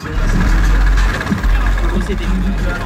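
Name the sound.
moped car engine running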